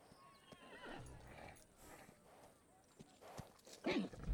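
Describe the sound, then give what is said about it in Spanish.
A horse moves about with uneven clip-clopping hooves, and a short whinny-like call breaks out near the end. “Y esa misma pusilánime forma de pensar fue la que dijo que jamás podríamos domar a este caballo.”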